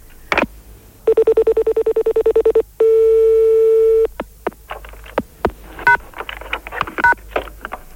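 A quick run of about a dozen short telephone keypad beeps, followed by one long steady tone, then scattered clicks and handling noises. The tones are loud.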